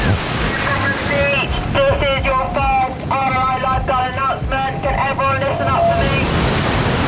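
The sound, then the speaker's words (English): A busy beach: steady wind and rushing surf fill the background while indistinct voices of beachgoers chatter through the middle, the whole scene loud and continuous. “Go to the beach every day. Yeah, I love it. Too busy and everything.”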